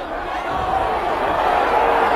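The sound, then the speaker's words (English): A large stadium crowd at a football game roars in a steady, dense wash of voices that holds loud for the full couple of seconds, sounding like disapproving jeers rather than cheers, after a fumble play is not reviewed. “Crowd didn't like that.”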